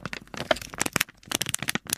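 Paper being crumpled, played as a sound to guess in a radio quiz: a steady two-second run of dense, irregular crackles and crinkly snaps, bright and fairly loud, with no voices.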